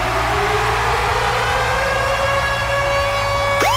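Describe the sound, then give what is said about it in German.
The Virgin Radio Ticket Alarm, a radio contest jingle for concert tickets: a loud, steady siren-style alarm, its tone slowly climbing in pitch before a sudden sharp upward sweep at the end, over a continuous low rumble with no voices. “Und zwar immer dann, wenn ihr unseren Virgin Radio Ticket Alarm hört.”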